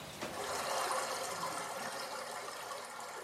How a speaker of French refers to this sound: La rivière produit un murmure continue en glissant sur les pierres et les galets. Son eau vive façonne le paysage au fil du temps.